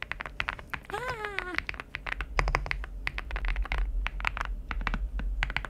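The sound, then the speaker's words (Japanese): Typing on a computer keyboard used at home, whose product name is Rainy: a fast, irregular stream of crisp clicks that runs throughout. A brief voiced sound with wavering pitch rises over the keystrokes early on. “はい、でもう一つは自宅で使っている方でございます、はい、皆さん違いを見つけていただければなと、はい、どうぞ。”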